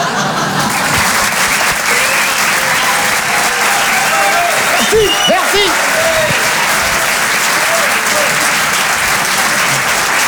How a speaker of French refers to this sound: On peut les applaudir très fort, les grandeurs nature.